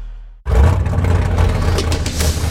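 After a brief low idle, a car engine suddenly roars up loudly and keeps revving hard, a dense, throaty rumble with no voices.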